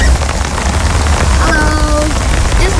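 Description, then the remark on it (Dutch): Heavy rain pours down steadily in a back garden in Rutte in mid-September, beside a grey two-person tent, after raining hard all day; a dense hiss with low rumbling underneath and a brief tonal sound drifting in near the middle. “Het is halverwege september en het regent de hele dag al kei en keihard.”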